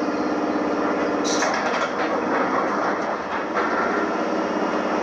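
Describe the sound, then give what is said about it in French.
A metro train rumbles loudly and steadily, with a constant mechanical drone and a brief hiss partway through, like a train sitting in or pulling through a station. “La voix du métro me chasse de mes pensées.”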